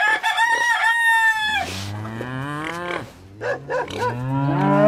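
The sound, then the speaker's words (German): On a farm, a rooster crows loudly, then a cow lets out long, low moos overlapping further crowing and clucking chickens, and a dog barks, a busy farmyard chorus with no one talking. “Ich habe einen Hahn gehört. Ja, ich habe ein paar Hühner, eine Kuh, glaube ich auch. Ja. Ein Hund hat noch gebellt.”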